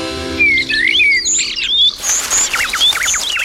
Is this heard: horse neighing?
no